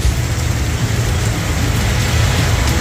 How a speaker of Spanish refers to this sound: Uy. Qué buen registro igual de tormenta eléctrica de ese Linares, sin duda.